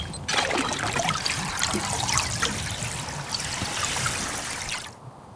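Water trickles and splashes steadily for about five seconds as a man dips his head under the water beneath ice, half his body under the ice. Fairly loud, with a bright bubbling texture, then cuts off abruptly near the end. No one speaks.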